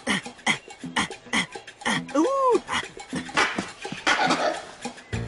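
A langur monkey gives a series of sharp, barking alarm calls warning of a nearby tiger, several in quick succession with one drawn-out rising wail in the middle, over noisy rustling forest background.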